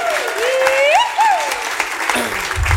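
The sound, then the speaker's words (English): A live radio-show audience at Radio Bristol applauds steadily for a few seconds for a station staff member's birthday, a dense patter of many clapping hands, with rising and falling whistles cutting through the clapping. “So give him another big round of applause.”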